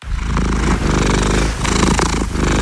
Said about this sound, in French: C'est un petit chaton, hein, pas un tigre. Baptisé Somos, il est arrivé enfin dans sa nouvelle maison, la caserne de bassin, près de Bordeaux.